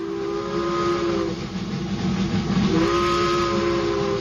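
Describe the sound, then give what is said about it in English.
A steam locomotive's whistle blows in two long, steady blasts over the continuous rumble and hiss of the moving train, loud, with no voices. Two chugging steam locomotives pulled Ontario's school car number one and school car number two, classrooms on wheels. “It began with two chugging steam locomotives, school car number one and school car number two.”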